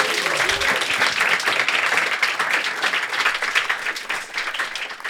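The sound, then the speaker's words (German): An audience applauds steadily for several seconds, a dense wash of many hands clapping at once, fairly loud, holding an even level throughout without any talking. “Einmal Applaus für dich.”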